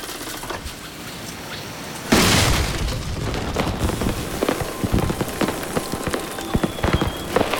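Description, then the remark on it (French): After a quiet start, a seed cannon fires with a sudden loud, deep boom, followed by a sustained crackling patter, like a shower of seeds raining down. “J'ai assez de connaissances pour charger le canon à graines maintenant.”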